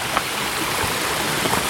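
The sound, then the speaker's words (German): A steady rush of running water as two small streams flow together at a branch of the Schreizengießen, a continuous babbling hiss with faint splashes and no voices. “Und hier kommen zwei Bäche zusammen”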